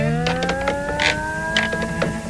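Wooden joints, like those in household furniture and house frames, creak and squeak from friction as the wood contracts and cools: a long, strained groan whose pitch slowly rises, broken by several sharp crackling snaps. The noise is steady and moderately loud, with no voices.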